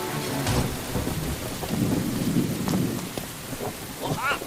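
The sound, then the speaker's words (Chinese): Heavy rain pours down on a village under threat of flash floods in a dense, steady hiss while deep thunder rumbles and rolls underneath, swelling loudest in the middle before easing slightly. “哎呀，不行，今天夜里雨会更大，随时可能爆发山洪，必须得走。”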